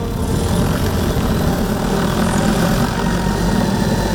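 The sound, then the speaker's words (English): A seed-planting drone flies, scattering tree seeds for land restoration, its rotors producing a loud, steady, low whirring hum that holds constant throughout without any pauses or voices. “These drones scatter seeds from heights of up to 30 meters.”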